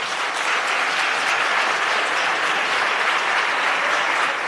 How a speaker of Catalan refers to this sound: va acudir al Parlament per seguir el ple monogràfic dedicat a la pagesia, i la cambra va respondre així, li va dedicar una ovació.